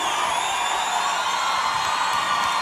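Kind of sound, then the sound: crowd, audience applause and cheering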